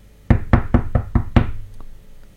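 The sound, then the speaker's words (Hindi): A woman knocks six firm, evenly spaced knocks on a library door in quick succession, solid with a hollow thud, then quiet. No one speaks. “वो सीधे उसी लाइब्रेरी में पहुंची और दरवाजा नॉक किया।”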